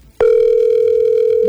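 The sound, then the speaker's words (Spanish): A loud, steady electronic phone tone of an unanswered call sounds after a brief click, holding one unbroken pitch with faint harmonics, heard on its own with no voices. “No contesta.”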